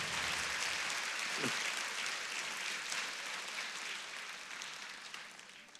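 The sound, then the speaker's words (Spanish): Dense, sustained applause from a crowd, a steady wash of many hands clapping at once that holds loud for several seconds, then gradually thins and softens toward the end. “Este aplauso tiene que ser más fuerte, porque él representa tu casa, tus hijos, sí.”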